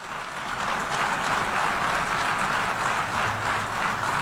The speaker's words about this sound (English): I just wanted to play that part where they applauded at the end.